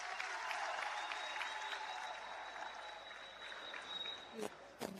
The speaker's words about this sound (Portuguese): Muito obrigada, grupo Uxene. De palmas para a rica apresentação do nosso grupo Uxene. Uma salva de palmas. Muito obrigada, grupo Uxene, por esta brilhante apresentação. Uma salva de palmas.